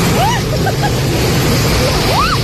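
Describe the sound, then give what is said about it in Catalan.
A loud, constant roar of hail pelting down amid strong gusting wind in Olot, dense throughout, with a few brief rising whistles over the din. “Pedregada i fortes ratxes de vent a Olot.”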